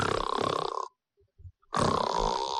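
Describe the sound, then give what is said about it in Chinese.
A voice mimics snoring with two long, rasping, throaty snores separated by a pause of near silence, broken only by a couple of faint snorts in between. “不行，我打呼噜。”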